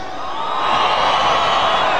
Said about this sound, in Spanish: ¿Dónde están los mandilones de esta noche? ¿El grito y el chiflido de la gente cabrona?